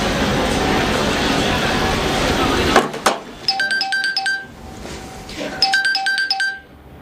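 A steady rumbling background gives way to a couple of sharp clicks, then a phone rings out twice in clear, trilling electronic bursts with short pauses between.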